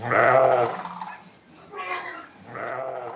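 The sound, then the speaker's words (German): Sheep on a farm in North Rhine-Westphalia, Germany, bleat three times in a row as they are being brought out to pasture in the morning. The first call is loudest and longest, followed by two shorter, softer wavering bleats after a brief pause. “Zuerst muss er die Schafe auf die Weide bringen.”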